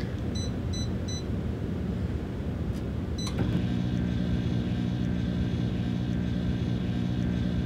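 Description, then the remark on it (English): A home microwave runs with a small round microwave kiln inside, firing a pot at the microwave's highest level for about 20 minutes: a few quick keypad beeps and a click, then a steady, fairly loud electrical hum with a fan-like drone that continues unchanged. No one speaks. “It's a little round kiln that you put into a home microwave.”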